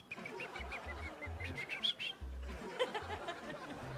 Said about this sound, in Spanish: Entonces, imagínense esa mañana tan tranquila, con mucha paz, con el aire fresco, con el sonido de los pajaritos.